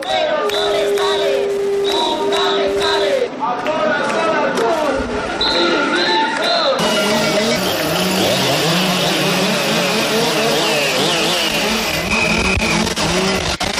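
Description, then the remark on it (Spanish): Several chainsaws rev loudly and continuously at a street protest march of more than 6,000 people over wildfires in Aragón, their buzzing pitch rising and falling, growing denser and harsher halfway through, with crowd noise and voices mixed underneath. “Motosierras.”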